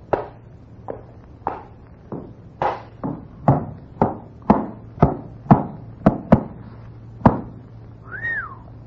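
A horse's hooves clop on a hard floor as the horse is brought in through a door from outside, about fifteen sharp knocks in a steady walking rhythm, followed by a brief high whistling tone at the very end.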